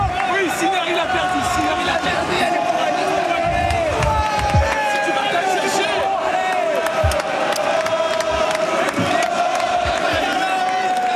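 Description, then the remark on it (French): A large tennis stadium crowd at Roland Garros roars continuously, a dense wall of cheering, shouting and whooping voices with rising yells layered through it, loud and sustained for the whole stretch. “Tiens, je vous propose d'écouter la ferveur, la chaleur et les cris de Roland Garros.”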